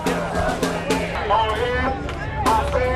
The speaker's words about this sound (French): Les slogans scandés par la foule sont en anglais. Pas de haine, pas de peur, les migrants sont les bienvenus ici.